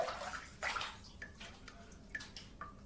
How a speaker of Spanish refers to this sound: Mientras el grifo enfocado en primer plano gotea incesantemente, el hombre se sienta.